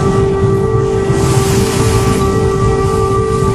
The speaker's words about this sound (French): Et oui, là, vous entendez ce qui se passe au-dessus de nos têtes, en fait, en Ukraine en permanence. Donc, la sirène, je crois avoir reconnu un souffle également de missiles. Malheureusement, ça devient de plus en plus fréquent,